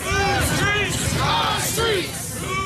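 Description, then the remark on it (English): A large crowd marching down North Aurora Avenue near 102nd Street in Seattle chants and shouts in unison over continuous loud voice babble, with rising and falling yelled phrases repeating every second or so, calling for city leaders to stop gun violence and sex trafficking. “A large crowd marches down North Aurora Avenue near 102nd Street.”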